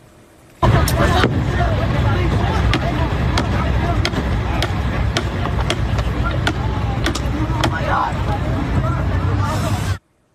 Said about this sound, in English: Okay, so there you can see witnesses were seen trying to break a window to get passengers out of the burning aircraft.